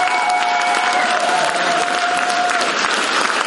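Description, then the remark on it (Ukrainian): A packed festival audience, risen to its feet in a full hall, bursts into a sustained, dense ovation for the performance Eneida, loud and steady throughout, with scattered cheers and a faint whistle-like tone riding over the clapping. “Енеїду вітають овацією.”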